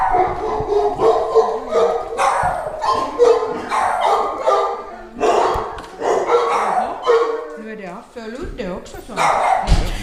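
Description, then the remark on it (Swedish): Two dogs bark and yip excitedly as they meet at the Syrenbacka dog hotel, with loud, rapid bursts tumbling over one another and a few high whines mixed in throughout. “så får vi höra lite hur det låter här inne när de här två ses här.”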